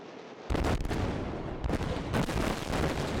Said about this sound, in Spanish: Es la explosión controlada en el Danubio a su paso por Rumanía. El objetivo, desviar más agua hacia la central nuclear de Chernavoda y así tratar de mantener en marcha su último reactor.